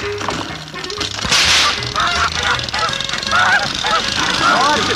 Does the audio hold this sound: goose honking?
yes